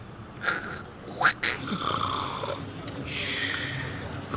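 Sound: person imitating loud snoring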